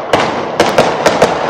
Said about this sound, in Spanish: A ver, oiga, ¿cuántos disparos escucha usted? Usted que me está escuchando. Va.